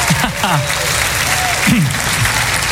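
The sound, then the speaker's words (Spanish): An audience applauds in praise of the Lord in a steady, dense wash of clapping that holds at an even loudness, with a few voices calling out over it. “¡Aplaudan al Señor de señores!”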